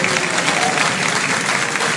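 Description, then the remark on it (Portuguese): A church audience claps steadily as they sit down during a service, giving glory, many hands blending into a dense, loud, continuous wash of applause that holds constant for the whole two seconds, with no voices standing out. “Não fecha a Bíblia, senta batendo palma, senta dando glória.”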